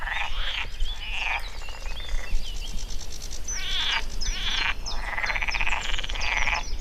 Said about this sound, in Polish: A po drugiej stronie mamy właśnie widok na kanał Augustowski. Przyroda nam wtóruje. To są oczywiście żaby. Jesteśmy w takim właśnie fragmencie, gdzie mamy wodę.